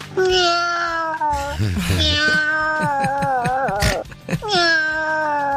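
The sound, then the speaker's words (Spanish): A person imitates their female cat, drawing out several long, wavering meows into the microphone, with a rougher vocal squeal in the middle before a final stretched meow. “Ahí va mi Michi.”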